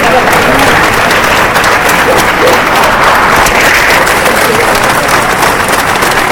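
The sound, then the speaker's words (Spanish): A large crowd of hundreds of people applauds loudly and steadily for several seconds during the funeral procession of Murcia's mayor Ballesta, heading to the cathedral's Puerta del Concejo, with shouts of "¡Viva el alcalde!". The clapping is a dense, continuous wash with faint voices blended into the mass of sound. “Allí la comitiva fúnebre ha enfilado el camino hacia la puerta del concejo de la catedral, acompañado de cientos de murcianos que le han despedido al grito de ¡Viva el alcalde! Y aplausos para despedir a Ballesta.”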